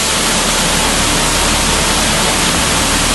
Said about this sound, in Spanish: Contrasta el silencio de las anteriores galerías con el sonido ensordecedor del agua que hace que ni siquiera nos escuchemos.